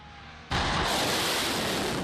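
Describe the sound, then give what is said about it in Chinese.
After half a second of low background hum, an air defense system on Qeshm Island in southern Iran fires in the evening, erupting in a sudden loud burst, a dense crackling roar that holds steady without pause to the end. “伊朗媒体报道，南部格什姆岛的防空系统当地时间3日傍晚2度启动，岛上多处可听到相关声响。”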